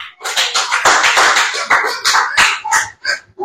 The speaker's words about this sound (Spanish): Dele palmas al Señor en esta hora.